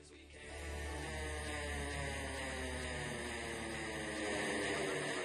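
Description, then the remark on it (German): An engine turns over and quickly settles into a steady, droning rumble with a faint whine above it. The noise swells during the first second, then holds at an even level throughout, with no voices. “jetzt wird der Motor angeschmissen.”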